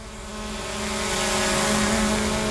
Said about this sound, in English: While Western Power is flying drones to inspect the lines